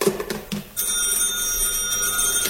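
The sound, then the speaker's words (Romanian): A telephone starts ringing after a brief pause, its steady electronic ring continuing loud with a bright, bell-like tone. No one speaks. “Ia ghiți tu cine e la telefon.”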